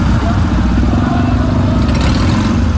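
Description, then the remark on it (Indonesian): A loud, steady rumble of many motorcycle engines running together, with engines revving over the drone and indistinct voices mixed into the noise, from a night-time convoy of Arema supporters (Aremania) at the Balai Kota (city hall). “Ini banyak yang pakai sepeda motor.”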